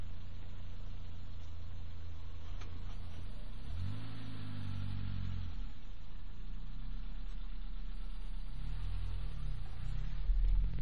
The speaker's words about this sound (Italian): Dall'occhio, registriamo questa manovra. Si parcheggia.